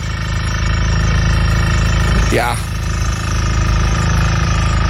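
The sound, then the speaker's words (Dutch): Drilling outdoors, heard from a holiday balcony in Greece: a loud, steady mechanical drone with a constant buzzing hum, briefly whining up and down in pitch midway, while a voice speaks a single short word. “En in jouw geval ook veel boren. Want dit geluid klonk heel erg vanuit jouw vakantiebalkon.”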